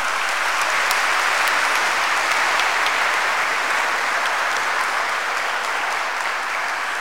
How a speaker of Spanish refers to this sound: Feliz día, queridos papitos, y les damos un fuerte aplauso, ¿no?